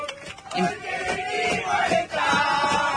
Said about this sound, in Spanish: Esto es adentro del avión. Esto es adentro del avión. Y empiezan a gritar y empiezan a cantar.